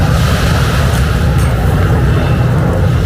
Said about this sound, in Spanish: Hoy te mando la postal sonora desde una orilla.